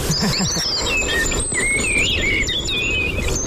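A common blackbird sings fluting, warbled phrases outdoors, mixed with other birds' high chirps and twitters over a steady background hiss, with no talking.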